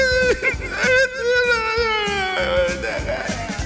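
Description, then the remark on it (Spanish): A voice imitates a man sobbing, with loud, drawn-out wailing cries that waver and break into short gasping bursts for several seconds. “Y el man llorando.”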